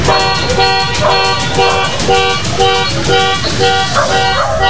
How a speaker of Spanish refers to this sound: En segundos, varios cómplices salieron de distintos puntos y rodearon el auto. A la fuerza, ingresaron a la unidad mientras el conductor tocaba la bocina desesperadamente pidiendo auxilio.